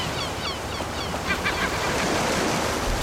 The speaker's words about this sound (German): Ja, die meisten haben tatsächlich nur auf die Möwen geachtet, aber man hört das Echo. Und das hast du gehört.